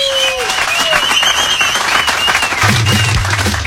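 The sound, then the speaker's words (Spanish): Loud, sustained applause from an audience, a dense wash of many hands clapping, with cheers and whistles rising above it and a brief low tone near the end. “Muy bien, fuerte el aplauso.”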